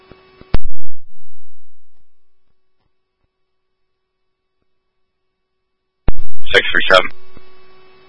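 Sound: radio dispatch alert tones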